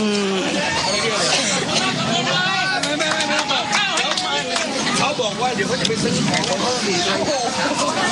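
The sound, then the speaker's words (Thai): Villagers along both sides of the road cheer and clap to encourage the Prime Minister and his entourage, a steady loud crowd of overlapping voices with scattered sharp claps running through the whole stretch. “มีเสียงของชาวบ้านนะคะจากทั้งสองข้างทางนะคะก็ปรบมือให้กำลังใจนะคะท่านนายกรัฐมนตรีพร้อมกับคณะนะคะ”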